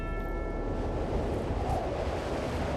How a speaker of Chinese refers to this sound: 突然而至的大风雪将红军战士们初登大雪山的新奇感一扫而空了，剩下的就只有艰难的前行。